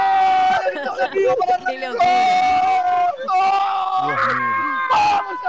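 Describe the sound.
A loud crowd at the Fan Fest in Parque Los Andes screams and cheers in jubilation as Argentina score a goal to lead 3-2, many voices yelling over one another in continuous, overlapping shouts with a few higher shrieks rising above the din.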